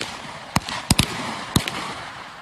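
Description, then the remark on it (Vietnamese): Four or five sharp AK submachine gun shots crack out at uneven intervals, two fired in quick succession, during a live-ammunition firing test on the training range of the Military Region 3 Military School, over a steady background hiss with no talking. “Những tiếng nổ rền vang trên thao trường là âm thanh của buổi kiểm tra thực hành bắn đạn thật bài 2 súng tiểu liên AK nâng cao của cán bộ học viên Trường Quân sự Quân khu 3.”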